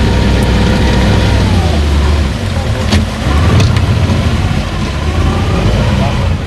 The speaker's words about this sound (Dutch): Stop the motor.